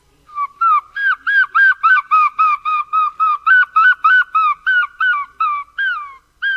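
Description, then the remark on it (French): A human voice mimics a herring gull's call: a loud series of about seventeen rapid, even yelping notes with a nasal, laughing quality, and no other sound. “Alors moi, le premier oiseau, c'était le goéland argenté, celui-là.”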